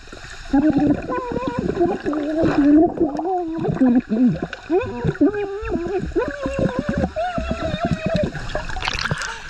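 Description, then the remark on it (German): A muffled, warbling voice sings underwater, recorded with an underwater microphone, its melody wavering and bubbly through constant gurgling and sloshing water noise. “Okay, aber dann können wir jetzt mal hören, was auf dem Unterwassermikrofon drauf ist, ja?”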